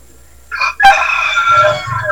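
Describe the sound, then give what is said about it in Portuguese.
A rooster crows loudly, one long drawn-out cock-a-doodle-doo with a rising start and a sustained, wavering finish, heard on its own without any talking. “E o galo cantando.”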